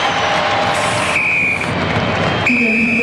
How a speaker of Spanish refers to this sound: Ahí está el pitazo de Rodrigo Carvajal, pitazo final, termina el partido.